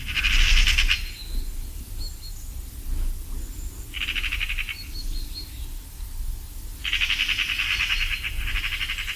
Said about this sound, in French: La pie bavarde elle-même, qu'on entend ici facilement, qui est un oiseau comme le geai omnivore, qui peut manger aussi bien des graines que des cadavres, que des petits oiseaux ou des œufs d'autres oiseaux.